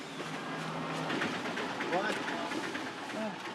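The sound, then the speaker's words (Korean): A small tuk-tuk engine runs steadily, a continuous buzzing rumble, with busy street noise and indistinct voices mixed in around it; the tuk-tuk, caught at a nearby train station, speeds toward the Nine Arch bridge. “인근 기차역에 멈추자마자 얼른 툭툭을 잡았습니다.”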